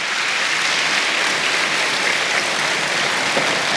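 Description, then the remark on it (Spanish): A crowd claps for the Lord during a sermon, a dense, even wash of many hands applauding together at constant loudness throughout, with no voices standing out. “Si va a aplaudir al Señor, apláudalos, porque Él lo merece.”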